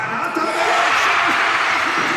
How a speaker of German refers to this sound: Er schießt und er trifft. Ja, wir hören es in der Walzerfeldhalle. Der große Jubel, Marco Arnautovic mit dem 3:1 für Österreich in der, ich glaube, es war jetzt mittlerweile schon die 12. oder 13. Minute der Nachspielzeit ins linke untere Ecke.